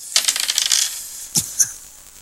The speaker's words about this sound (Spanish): Oye, tiren los dados, pues ¿quién lo tira primero? Aquí, vamos.